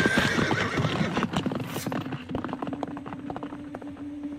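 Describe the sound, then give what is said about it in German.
A horse gives a loud whinny, then its hooves clip-clop in a steady, quickening rhythm as an injured rider mounts and rides it away. No voices. “Ich schleppte mich mit meiner klaffenden Kopfwunde zu meinem Pferd, wuchtete mich unter Anstrengung in den Sattel hoch und ritt davon.”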